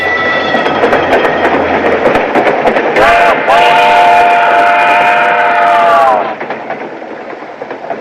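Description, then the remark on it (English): A train with an observation car and rear platform rolls along with a loud, steady rumble and rapid, irregular clacking of wheels on rails; midway, a shrill metallic wheel squeal rises and holds for a few seconds before the noise drops. “He enters the observation car.”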